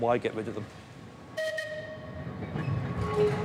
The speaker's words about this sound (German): Wenn es nach Andrew und seinen Kollegen geht, werden die Bahnen auch noch die nächsten 130 Jahre über die Insel fahren